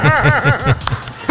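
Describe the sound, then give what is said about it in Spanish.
A dog barks in a quick, steady run of about five sharp, high-pitched yaps, then falls quiet apart from a few brief scuffling noises. “Date quieto, perrito.”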